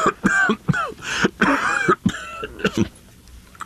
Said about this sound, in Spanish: Es esta maldita tos la que me va a matar. No se me quita.